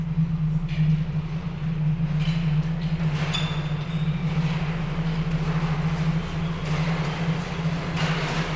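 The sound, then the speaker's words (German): A train rolls into Dornberg's station with a steady low drone and rushing rumble, broken by faint, brief metallic squeals. It sounds continuous, with no voices. “Die Sonne tauchte als blutiger Fleck hinter den Horizont, als ein Zug in Dornbergs Bahnhof einfuhr.”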